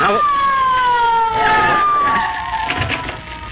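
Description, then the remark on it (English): A police car siren wails loudly, its steady tone gliding slowly downward in pitch as it winds down on arrival, with some background noise underneath. “Somebody here call for a squad car.”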